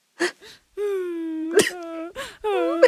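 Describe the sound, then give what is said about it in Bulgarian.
A voice at an office desk lets out thin, wavering whimpers, sustained, quavering moans broken by a few short, breathy sniffles in between, moderately loud. “Леко скоблъчене и леко хленчене.”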